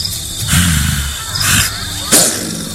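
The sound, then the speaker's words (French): Cats yowling in three harsh, raspy cries with short pauses between them, the last one sharp and shrill, over a low steady background hum. “j'entends des chats.”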